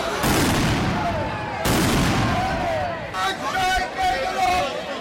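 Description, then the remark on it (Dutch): Two loud, sharp bangs from fireworks and small explosives set off by a group of demonstrators go off a second or so apart, ringing out over the constant roar of an agitated, shouting crowd at a protest. “Noem maar dan vuurwerk. Kleine explosieven werden eraf gestoken.”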